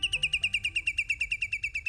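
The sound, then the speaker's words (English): A whimbrel, a shorebird, gives a rapid rippling call, a steady run of about sixteen sharp, whistled notes at an even fast pace, clear, with no voices over it. “But the seasons change, and it's time for this shorebird to migrate south for the winter.”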